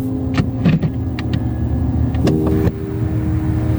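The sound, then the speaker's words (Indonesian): The engine of an arriving red ride-hail car idles with a steady low rumble, broken by a few short clicks and a brief mechanical whir partway through; no one speaks. “Bukan mobil yang depan sana, yang warna merah.”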